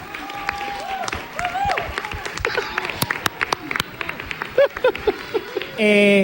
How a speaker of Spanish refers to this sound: ¡Que salga Geno! ¡Geno! ¡Un aplauso a Geno!